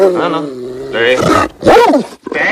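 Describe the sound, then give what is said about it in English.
A Rottweiler emerging from behind a kitchen counter, lips pulled back over sharp white teeth, growls and snarls loudly in a few rough, rising and falling bursts with brief pauses between them. “a Rottweiler that emerges from behind the kitchen counter. Its pulled back lips reveal sharp white teeth”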